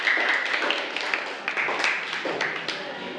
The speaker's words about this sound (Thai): ปรบมือให้กับเพื่อนกลุ่มสุดท้ายของเราค่ะ